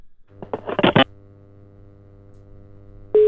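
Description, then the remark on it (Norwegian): A quick run of electronic phone beeps as Nordfjorden Radio dials out on a call, a stretch of low steady hum over the line, then a loud, steady ringing tone cuts in abruptly right at the end. “Nå ringer vi, nå skal vi høre om han tar telefonen.”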